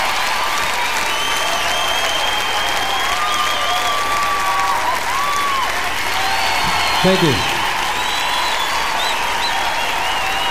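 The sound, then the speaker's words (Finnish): Loud, explosive applause from a live concert audience in a live recording roars steadily throughout, with whistles and cheers cutting through the dense clapping. A man speaks briefly over it partway through. “Olipas räjähtävät aplodit.”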